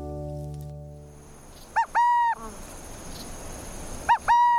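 A burrowing owl calls twice, each call a quick rising note followed by a longer steady hoot, spaced about two seconds apart, clear over a faint outdoor hiss.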